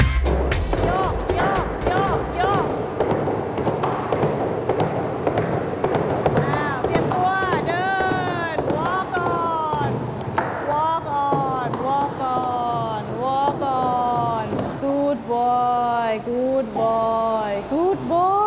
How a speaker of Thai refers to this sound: ก็จะให้ม้าวิ่งเร็วอย่างนี้สัก2นาทีแล้วจะสังเกตการเต้นของหัวใจและจังหวะการวิ่งอย่างใกล้ชิด